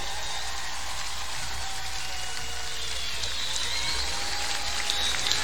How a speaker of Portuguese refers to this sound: aplausos bien fuerte.